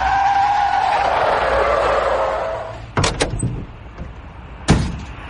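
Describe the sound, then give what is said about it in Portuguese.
A car brakes to a stop with a long tire squeal as it parks on the way to a football stadium, then a couple of sharp door thuds follow close together, and another door slams shut a moment later. No one speaks. “Eles estacionaram o carro e correram até o estádio.”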